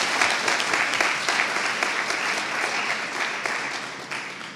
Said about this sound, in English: So let's give them one more round of applause for the hard work before we get started.